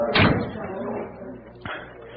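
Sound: door slamming shut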